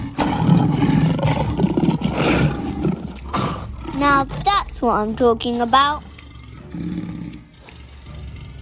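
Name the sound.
tiger roaring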